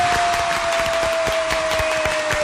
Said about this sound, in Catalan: que fa la seva entrada a l'estudi amb l'aplaudiment de tot el públic aquí assistent.